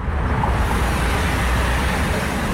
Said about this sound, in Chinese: 唐瑞高速是云南全省车流量最大的通道之一，今天迎来返程高峰，车流量持续高位运行。